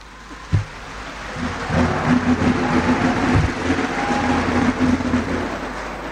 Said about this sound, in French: Voilà. Merci d'avoir applaudi WhatsApp.